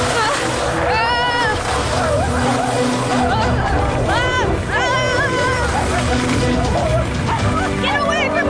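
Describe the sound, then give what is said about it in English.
A pack of wolves, chasing behind a sled coming down a mountain, barks and yips excitedly in a loud, overlapping chorus, sharp rising yelps bursting out one after another over a dense, busy background of rushing noise and commotion. “Here come the wolves.”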